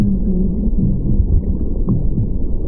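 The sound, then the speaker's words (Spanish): A muffled, low whooshing rumble with soft, rhythmic thumps, like a heartbeat heard from inside the womb, steady and enveloping with no voices. “El latido del corazón, la digestión, quizás la voz de nuestra madre.”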